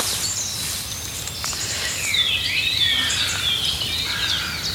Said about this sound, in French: Ça, c'est typique du rossignol Philomèle, ce départ-là. Mais c'est un vrai rossignol.